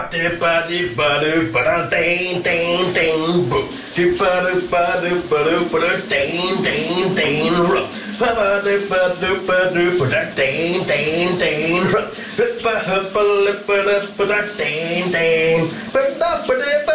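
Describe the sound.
A voice sings a lively, melodic tune in a shower cabin over the steady, hissing spray of a running shower. The water noise stays constant and fairly loud beneath the singing throughout.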